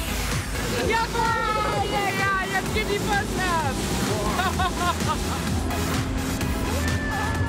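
A motorboat carrying up to 12 people plus a dog roars steadily at speed on a seal-watching tour, with loud rushing water and wind buffeting the microphone, while several people shout and squeal excitedly over the noise.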